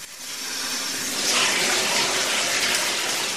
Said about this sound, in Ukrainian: Прослідкуй, коли набереться повна ванна води.